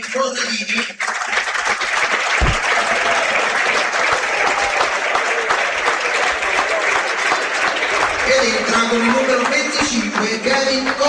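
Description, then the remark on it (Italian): A stadium crowd applauds number 8 Giovanni Corradini as he is substituted off for number 25 Kevin Gorica during a match, a steady, dense wash of clapping that holds loud for about eleven seconds, with a voice speaking over it. “Naturalmente il cambio viene effettuato lo stesso, entra con il numero 25 Kevin Gorica ed esce con il numero 8 proprio Giovanni Corradini a prendersi l'applauso del pubblico.”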